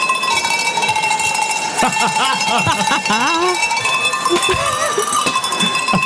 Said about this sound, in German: Ja, und jetzt wird's, ich sag mal, authentisch. Aha. Es gab nämlich eine professionelle Kuhglockenleugnerin. Dann lass mal läuten.